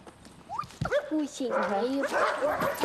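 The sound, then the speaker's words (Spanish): Several dogs bark and yelp in a busy, overlapping burst, with a person's voice mixed in among the barks. “Amo a muchos perros. A este, a este, a este, a este, a este, a este, a este.”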